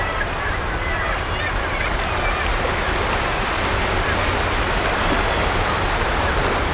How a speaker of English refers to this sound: But as I look down at the impressive waves, eating at the soft chalk land beneath my feet